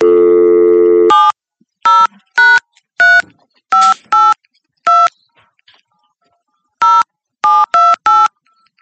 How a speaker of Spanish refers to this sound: El teléfono no timbra. Un teléfono raro. Es un tema de señal, posiblemente.